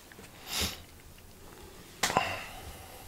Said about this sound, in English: Do you like this sound? Like breathing, etc., etc.